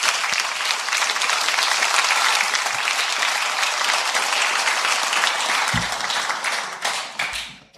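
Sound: audience applauding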